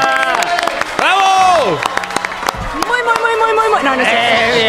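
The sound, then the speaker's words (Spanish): A show's audience claps and cheers to welcome a guest to the table, with scattered sharp hand claps under loud, rising whoops and shouting voices that continue throughout. “¡No, aplauso!”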